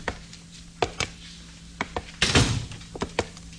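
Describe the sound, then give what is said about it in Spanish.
A wooden cabin door clunks and thumps as it is opened: scattered sharp knocks, then a louder rattling, scraping burst midway as it swings, followed by a few more dull thuds. No voices. “cuando al abrir la puerta de la cabaña”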